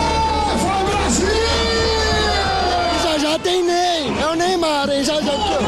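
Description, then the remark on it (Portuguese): Football fans in a bar, excited by the national team's first half, cheer and yell loudly together, a dense wall of voices with long sustained shouts rising and falling in pitch, unbroken for several seconds. “E a empolgação era tanta que o bar parecia arquibancada. A torcida ficou animada com o primeiro tempo da seleção.”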